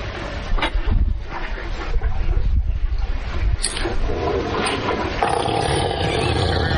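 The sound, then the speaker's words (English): A loud, sustained elephant fart, a deep bubbly rumble with rough, sputtering texture that rolls on for several seconds. “A little body of water, and when that elephant starts to fart, his tail raises up.”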